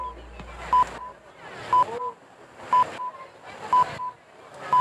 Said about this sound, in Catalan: senyals horaris de les 8 de la tarda.